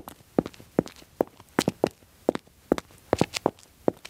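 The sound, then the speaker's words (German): Quick, light footsteps tap along in a lively, bouncy rhythm, about a dozen crisp steps with no voices, cheerful foley footsteps performed by hand in a studio. “So, das war jetzt eher so eine traurige vielleicht, melancholische Schritte. Jetzt probiere ich mal fröhlich.”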